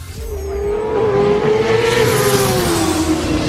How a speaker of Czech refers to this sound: A.k.a. zvuk motorky, tak prostě volejte.